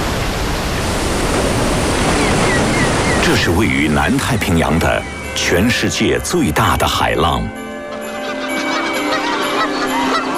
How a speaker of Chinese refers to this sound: 这是位于南太平洋的全世界最大的海浪